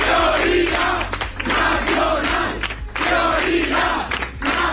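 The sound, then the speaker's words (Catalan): A large crowd at the Vox party headquarters shouts a chant, "¿Dónde está la mayoría?", in loud, rhythmic bursts, many voices rising and falling together in a repeated phrase over a steady low rumble. “Es cridava la seu de Vox i no era l'únic crit.”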